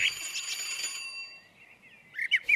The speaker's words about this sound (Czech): a je tady zvoneček, tak zvoním.